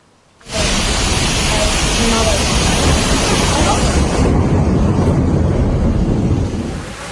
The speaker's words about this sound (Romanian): O ploaie torențială a provocat inundații la Varna.